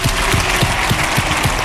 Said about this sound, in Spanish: así que un fuerte aplauso para María, que está viéndonos desde arriba